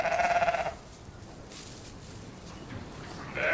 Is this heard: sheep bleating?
yes